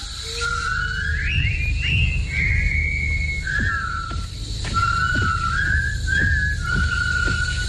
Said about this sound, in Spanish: Una columna de soldados británicos derrotados y convertidos en prisioneros por el ejército japonés entra silbando burlona y desafiadamente en el campo de trabajo donde construirán el puente sobre el río Kwai.